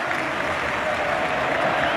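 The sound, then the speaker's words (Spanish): A large stadium crowd on its feet applauds steadily as Barça's Polish number 9, Lewandowski, is substituted off in a match against Betis, a dense, even wash of clapping that fills the whole moment, with faint crowd murmur blended underneath and no single voice standing out. “La grada del Cano puesta en pie. Despidiendo al 9 polaco.”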